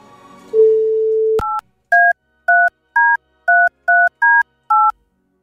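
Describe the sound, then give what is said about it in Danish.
A phone line's steady dial tone cuts off with a click, followed by eight crisp, loud keypad dialing beeps in a quick, even rhythm, with no voices, as a call is placed to someone who signed up. “ringer til en, som har tilmeldt sig i snus, i lose. Skal vi ikke gøre man det? Man får fire ring.”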